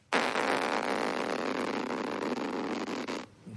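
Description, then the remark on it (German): A voice imitates a long zipper being pulled at a campsite: one steady, raspy, buzzing sweep lasting about three seconds, fairly loud and alone, then cutting off abruptly. “Das war der Reißverschluss auf dem Campingplatz.”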